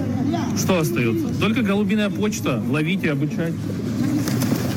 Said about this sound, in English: As people memeify this whole situation, there have been a lot of really funny clips about this one guy saying the only thing left to do is pigeon mail, and essentially sends a bunch of pigeons off into the air.